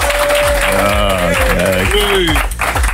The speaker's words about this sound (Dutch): En je krijgt zelfs live applaus hier. Van een school uit Maaseik met jouw 5e plek. Goed gedaan. Mag eigenlijk wat luider, hè? Enthousiaster dat applaus, hè